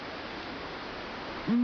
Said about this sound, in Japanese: 静寂の闇夜に鳴くシマフクロウは村の守り神、コタンコロカムイと呼ばれます。